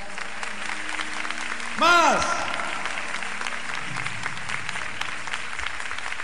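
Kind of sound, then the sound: crowd, audience applauding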